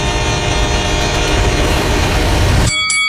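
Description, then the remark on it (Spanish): A train roars past with a loud, sustained horn blast over the heavy rumble of the cars, then the noise cuts off abruptly near the end. No one speaks. “Todos los días, muchos tientan su suerte y mueren arrollados por trenes. Ve carrileras, piense tren.”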